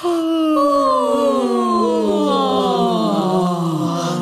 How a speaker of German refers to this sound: Und gähnen.